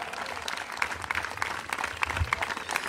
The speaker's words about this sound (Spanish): Dele fuerte aplauso al Señor en esta hora.